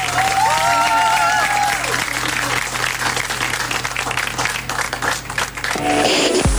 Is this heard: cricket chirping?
no